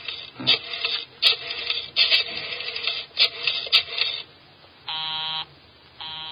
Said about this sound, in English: Busy? He's probably left the phone off the hook, Inspector.